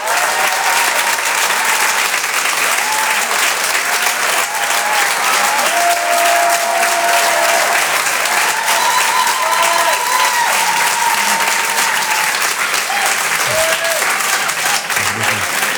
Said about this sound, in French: Je vous demande de l'applaudir très très fort s'il vous plaît lui aussi. Voici en direct sur Rire et Chanson, Jean-Luc Lemoine.